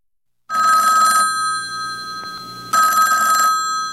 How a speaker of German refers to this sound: Stellen Sie sich vor, liebe Zuhörerinnen, das Telefon klingelt.